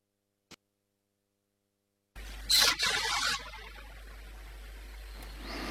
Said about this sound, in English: It's an ore train, that's all I know.